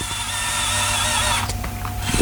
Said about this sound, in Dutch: Hij klinkt ook echt als een robotarm. Ja, stoer, hè?